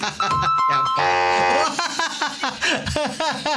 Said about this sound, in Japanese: ピンポン聞こえちゃったよ。いつもとね、効果音の配置が違ったのね。